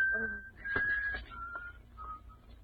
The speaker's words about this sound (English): That whistle. It reminds me of something.